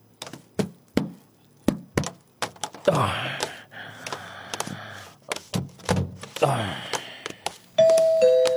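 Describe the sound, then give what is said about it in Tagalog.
A house's electronic doorbell chimes early in the morning near the end with a clear two-tone ring, following a stretch of sharp thumps, clicks and rustling movement. “May nagapang doorbell.”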